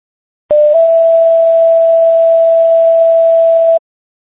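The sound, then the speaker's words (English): A loud emergency pager alert tone for Webster EMS sounds over a radio channel as a fire alarm test: a brief first pitch shifts into a second steady tone held for about three seconds, then cuts off abruptly. “Fire alarm is test and tones for Webster EMS, WPKZ 854, clear 1800 hours.”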